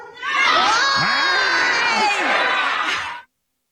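A loud crowd, asked what Trump did, erupts in overlapping shouts, cheers and yells, sustained for about three seconds before cutting off abruptly.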